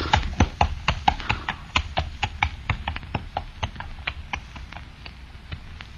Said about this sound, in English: Shall I take the horse to our stable, sir?